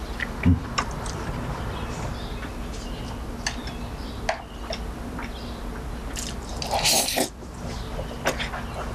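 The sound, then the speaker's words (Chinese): Quiet chewing of food with soft wet clicks and ticks scattered irregularly over a steady low hum, plus a brief louder crunchy burst near the end; no one speaks. “你慢点嚼，别噎着，没人跟你抢。”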